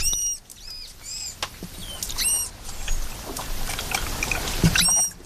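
A manatee calling: a series of high, squeaky chirps with a harmonic, whistle-like quality, repeated irregularly over a steady hiss of background noise, with no voices.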